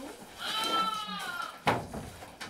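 A hungry sheep bleats in one long, wavering, nasal cry lasting over a second as it waits to be fed a drink, followed by a sharp knock and some faint rustling.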